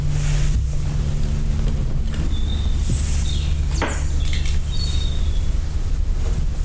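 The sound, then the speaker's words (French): Steady wind blows without pause, a constant breathy rush over a deep low rumble, with faint whistling tones drifting in and out; no one speaks. “C'est le vent qui marche sur un pied.”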